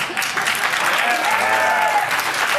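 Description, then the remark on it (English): A crowd applauds steadily for a woman who has just spoken, a dense wash of clapping filling the moment, with a faint voice briefly audible underneath around the middle. “They're applauding her.”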